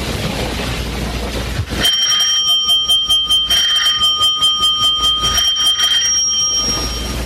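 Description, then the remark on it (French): A loud electric doorbell rings three times at number 3, rue Bergère, its rapid metallic clatter starting abruptly and buzzing on for several seconds. Nobody speaks. “Trois coups de sonnette, on ouvrira.”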